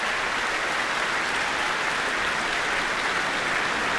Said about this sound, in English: And listen to that applause and cheers.